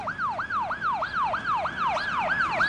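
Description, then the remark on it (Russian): An ambulance siren wails in quick, repeating rising-and-falling sweeps, loud, sounding continuously with no voices and growing slightly stronger toward the end. “подожди, я сейчас скоро, я вызову скорую.”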